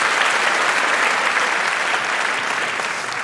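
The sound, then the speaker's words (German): Sustained audience applause for Martin Brauer, a dense, steady wash of many hands clapping at a constant loud level for the whole stretch, with no voices standing out. “Einen großen Applaus für Martin Brauer.”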